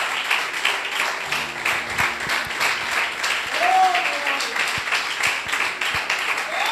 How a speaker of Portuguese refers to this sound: Glória a Deus. Pode aplaudir mais forte a Jesus.